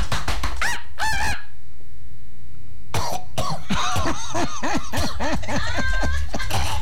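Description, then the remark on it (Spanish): A peacock calls loudly at Estancia La Carolina in Maturín, a few harsh, honking cries, a short pause, then a rapid string of repeated wailing calls with no talking. “Se le va acercando, se le queda viendo y le va a cantar de esta manera.”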